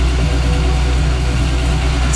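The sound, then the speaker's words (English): A fuel pump runs steadily as it fills a car during River 949's Beat the Bowser game, a constant low mechanical hum with a faint whir on top, moderately loud, with no voices. “he had a crack at beat the Bowser. And look, he was happy. He filled up his car with this.”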